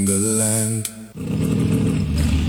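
A motorcycle engine revs loud, its droning tone climbing before a brief dip, then bursting into a sustained, rough roar.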